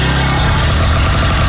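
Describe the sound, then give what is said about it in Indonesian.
A motorcycle engine rumbles loudly and steadily, its low, throaty drone holding an even level throughout with no voices. “Eh, itu macam bunyi motor.”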